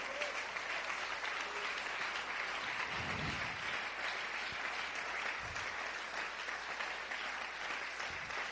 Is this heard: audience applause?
yes